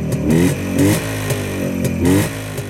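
A motorcycle engine revs in several quick bursts, the pitch climbing and dropping between throttle blips over a steady idle, loud with no talking.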